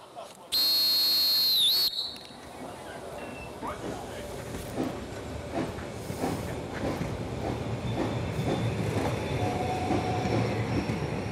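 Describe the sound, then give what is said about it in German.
A loud, steady steam whistle blasts for over a second, then a narrow-gauge steam train, the Molly, rumbles on with rhythmic chugging and clatter, faint voices mixed into the running noise. “Die meisten Tagesgäste kommen dann doch wohl eher, um einfach Molly zu fahren und nicht wegen der Traumkulisse.”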